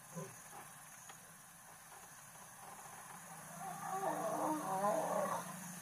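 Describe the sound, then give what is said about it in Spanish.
A lion's rough, rumbling snarl swells up midway and grows louder for a couple of seconds before fading, over a steady background hum of insects; one of two lions at the roadside in Kruger that mated about 10 minutes earlier. “Tenemos 2 leones al borde del camino que hace unos 10 minutos se aparearon.”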